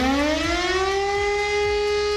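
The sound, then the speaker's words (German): A civil defense warning siren in Germany's Lower Rhine region wails steadily at 11 a.m. on the nationwide warning day, its loud rising tone holding high and sustained with no voices, carrying the long mournful note of an outdoor alert. “Habt ihr schon bei uns gehört, heute ist wieder bundesweiter Warntag. Dann heulen nicht nur die Sirenen, auch unsere Smartphones bimmeln wie wild.”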